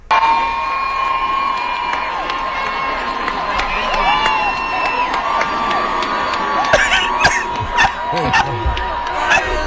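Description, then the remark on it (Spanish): A huge concert crowd at a singer's show cheers and screams euphorically for him, a dense, continuous roar of voices with shrill whoops and shouts rising above it, loud and sustained throughout. “Ay, la gente eufórica con él, qué lindo.”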